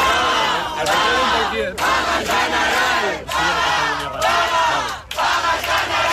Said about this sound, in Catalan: Un grup d'acampats han fet pinya mentre escoltaven les votacions en directe i en saber-se el resultat han esclatat amb diverses consignes. Una aquesta.